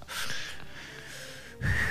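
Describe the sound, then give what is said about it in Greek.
A whale's blow as it exhales: a long, breathy rush of air hissing out steadily, then swelling into a louder, deeper whoosh near the end. Fairly loud, with no voices. “κάνει έναν πολύ ιδιαίτερο ήχο σαν ξεφύσιμα για να μπορεί να πάρει”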